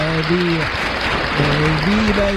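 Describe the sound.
Dense, steady audience applause on Disabili International Radio fills the whole clip at a loud, even level, with voices calling out and cheering over the clapping.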